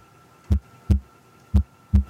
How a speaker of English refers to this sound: It's a heartbeat.